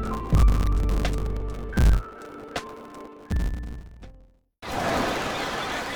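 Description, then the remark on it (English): A slow, deep heartbeat thumps three times at an even pace over a low, sustained hum, then cuts off abruptly into a steady rushing hiss. “Beating in rhythm to the world you've created.”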